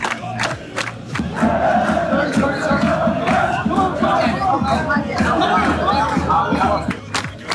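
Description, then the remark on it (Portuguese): A dense crowd of football fans in the streets of Miami Beach, Florida, on a hot day roars continuously, many voices shouting, chanting and cheering at once, with scattered sharp claps and bangs cutting through the steady, loud clamor. “Loucura completa aqui nas ruas de Miami Beach. Um calor danado, um aglomerado de gente, é todo mundo curioso, tentando trabalhar, tentando ver a famosa remada.”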